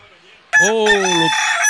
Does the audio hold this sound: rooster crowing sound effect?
yes